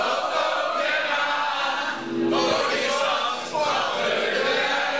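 A large crowd sings together loudly in a tent beside the Omroep West building, a dense wall of many voices sustained throughout with brief swells.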